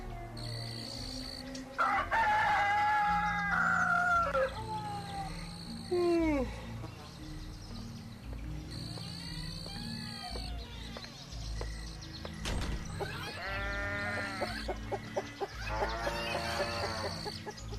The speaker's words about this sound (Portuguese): Ele próprio continuava a ser um galo, mas todos os dias, ao amanhecer, se esforçava para que o seu canto fosse mais belo.